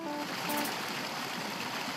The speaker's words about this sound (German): ich höre das Wasser schon rauschen und ist halt da ein tolles Geräusch. Also beim letzten Mal hat es viel mehr Wasser gegeben. Aber kein Wunder bei der Hitze, ne?